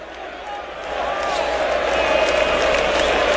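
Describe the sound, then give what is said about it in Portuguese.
A large crowd of São Paulo football fans at the Morumbi stadium roars in a dense, continuous wash, many voices blending into a sustained chant to push the team on, swelling slightly louder after the first second and staying full. “pro seu lado direito a torcida puxa cânticos para empurrar o time do São Paulo.”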